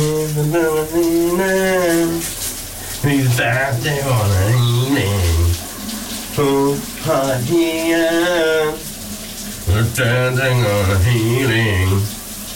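A man sings loudly in melodic phrases with short pauses between them while showering in the morning, heard on VLR morning radio, while the steady hiss of a running shower carries on underneath the whole time.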